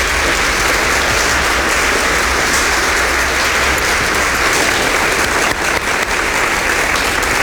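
Loud, sustained applause from a studio audience, a dense wash of many hands clapping steadily for several seconds with no one speaking over it.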